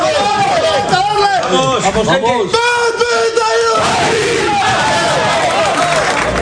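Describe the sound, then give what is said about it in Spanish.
The Athletic football team bellows a loud collective rallying shout in the locker room after praying, many voices roaring together for a few seconds before breaking into a noisy jumble of cheering and overlapping chatter. “Era el grito. A ver el grito.”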